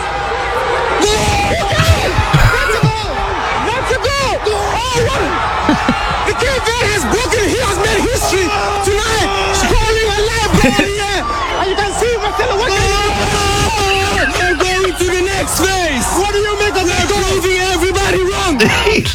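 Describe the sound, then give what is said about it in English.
A reporter holding a big furry microphone shouts excitedly and nonstop in a loud voice, celebrating Cape Verde's equalizing goal against Uruguay like a commentator, over a busy crowd hubbub with scattered cheers and whoops throughout. “He's screaming, and your man's got one of those big hairy microphones you see BBC reporters with, and he's grabbing the thing, he's going, goals!”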